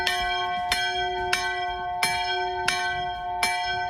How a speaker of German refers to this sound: Hört man nicht so oft, wenn Sie jetzt an so ein Schiffshorn gedacht haben. Nee, das ist die Glocke der Flussschifferkirche. Deutschlands einzige schwimmende Kirche übrigens. Und mit ihrem großen Ankerkreuz und dem Glockenhäuschen auf dem Dach,